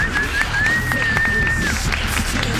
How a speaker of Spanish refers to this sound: Damas y caballeros, ha salido el sol. Un aplauso para el sol.